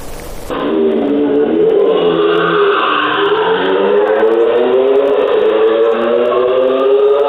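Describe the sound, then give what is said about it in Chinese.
A loud motorcycle engine revs continuously for several seconds, its pitch climbing and falling as the throttle is worked, with a rough, buzzing roar throughout; a motorcycle revving hard late at night on Zhongxing Road and Heping Road in Yuzhong District, Chongqing, China. “渝中区交通管理支队机动大队接到市民举报，称渝中区中兴路和平路路段有摩托车深夜猛轰油门，制造巨大噪音，严重影响周边居民、学生的夜间休息。”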